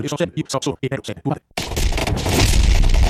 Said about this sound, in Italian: Sì, qua le esplosioni, lo scontro, sì, vai.